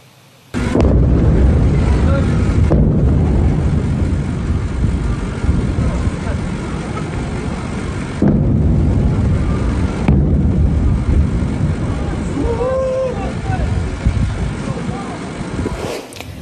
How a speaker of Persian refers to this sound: ویدئوی رسیده از مخاطبان به ایران اینترنشنال وقوع چند انفجار را در بامداد 24 تیر ماه در سیریک نشان می‌دهد